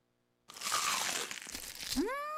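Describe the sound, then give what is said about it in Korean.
A loud, crispy bite into crumble-coated fried chicken (Kkkk Chicken), a dense crackling crunch lasting about a second and a half after a short silence, then a bright rising tonal swoop. “바삭해 맛있는 육식계 치킨 크럼블을 입혀 크런치하고 크리스피하다 맛있는 육식계 치킨 바삭함의 끝판왕”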